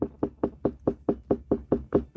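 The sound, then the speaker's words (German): A watermelon farmer in Upper Bavaria, Germany, knock-tests a ripe watermelon: a steady run of about ten dull, hollow knocks, evenly spaced at a brisk pace, moderately loud with a deep resonant thump to each tap. “Also so hört jetzt eine reife Melone an.”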